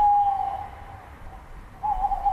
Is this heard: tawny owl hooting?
yes